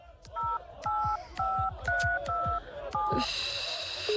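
A telephone number is dialed to call a nearby hospital, with a quick series of about seven two-tone keypad beeps, clear, followed by a brief click and the start of a high line tone.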